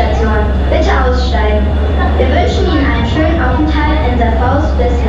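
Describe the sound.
A steady, loud low rumble of an underground train arriving at the terminal station of the Serfaus U-Bahn, with people's voices carrying over the mechanical hum the whole time.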